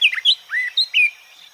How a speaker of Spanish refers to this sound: El trino del pinzón conirrostro forma parte del Banco de Sonidos de Aves Colombianas, recopilado por el Instituto von Humboldt y la Universidad de Cornell.